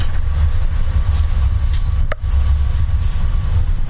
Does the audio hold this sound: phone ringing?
no